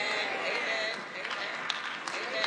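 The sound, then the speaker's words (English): A church audience claps during a sermon in a steady, dense patter of hands that holds for a couple of seconds, with a few sharper claps standing out near the end. “Don't try to clap now, y'all.”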